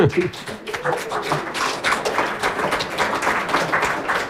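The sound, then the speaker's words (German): An audience of about 1000 people applauds steadily throughout, the applause partly for a guest's mother, a dense, crackling wash of many hands clapping at a fairly loud, even level, with a faint voice briefly audible at the start. “Ja, es war Applaus auch für deine Mutter.”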